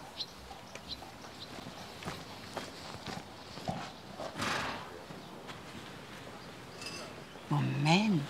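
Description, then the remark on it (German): Horse hooves clip-clop in a slow, uneven walking rhythm, followed near the end by a short, wavering horse whinny over a soft outdoor background. “Sie wissen doch, mit einem Pferd ist man nie allein.”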